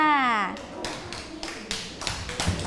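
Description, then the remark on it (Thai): After a brief voice at the start, a group of children claps for group 4 in a steady, rhythmic beat, about eight sharp, even claps in a row at moderate loudness. “ปรบมือให้กับกลุ่มที่4ด้วยค่ะ”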